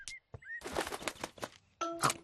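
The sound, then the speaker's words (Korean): Sparrows chirp while eating flower seeds scattered on the ground by a grandfather: a few short, bright, high-pitched bursts, separated by a rustling flutter of wings, then finish with a louder, ringing chirp. No one speaks. “참새가 와서 할아버지가 뿌린 꽃씨를 먹고 있어요.”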